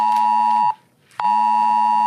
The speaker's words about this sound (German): Auch folgender Ton war zeitgleich auf tausenden Handys zu hören.